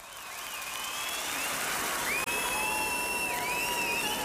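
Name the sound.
concert audience cheering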